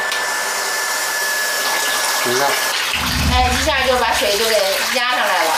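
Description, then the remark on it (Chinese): Steady rushing water from a tap, then a household booster pump, installed because of low water pressure at a home in the Yunxiu bungalow area, switches on with a low droning hum under the flow, while indistinct voices talk over it. “我家泵给你开开。”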